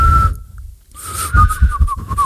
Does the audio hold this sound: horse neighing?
no